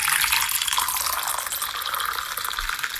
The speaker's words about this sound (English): Now, was that a clip of someone pouring a coffee or someone peeing into a toilet? That's a coffee. You want to hear it again?